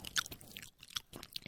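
Wet, smacking chewing of canned tuna, with a quick run of moist bites and crunchy clicks in uneven bursts, fairly loud, with no talking over it.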